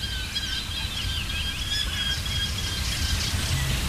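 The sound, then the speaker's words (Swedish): A Eurasian hobby calls repeatedly, thin high-pitched notes over a steady background hiss and low rumble, with no one speaking. “Lärkfalken håller låda här från tåken.”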